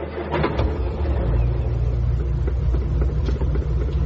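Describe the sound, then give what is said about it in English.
A car engine rumbles loudly, revving as the car pulls away to set off for home, a steady low drone that holds for several seconds with no voices. “They set off for home.”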